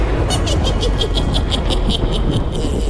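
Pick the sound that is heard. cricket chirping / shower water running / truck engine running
truck engine running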